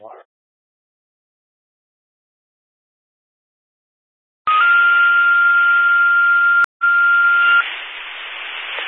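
After a few seconds of silence, a loud, steady high-pitched alarm tone sounds over radio static for about three seconds, with one brief break, then the static continues alone.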